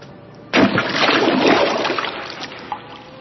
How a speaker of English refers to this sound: When Bidhi Chand lifted the reins, he leaped over the high battlements of the fort and plunged into the river with a great splash.